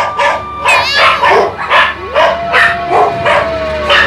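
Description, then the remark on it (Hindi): Several dogs guarding outside a hut bark and yip in quick, repeated bursts, loud, with some whining tones mixed in between the barks. “कुत्तों का भौंकना रुक जाता है, रहस्यमय स्वर तेज होते हैं।”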